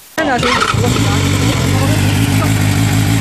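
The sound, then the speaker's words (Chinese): A motorcycle with a modified exhaust, its muffler baffle removed, is started up at police request for an on-the-spot noise check. It fires up abruptly and settles into a loud, rough, throbbing idle, its deep exhaust burble steady and unbroken with no throttle revs. “你在未拧动油门的情况下，排气的声音都到这个程度了，你觉得夜晚驾驶这辆车出来会不会造成扰民的影响？”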